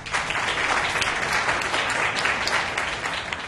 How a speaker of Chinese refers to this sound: 掌声欢迎副董事长。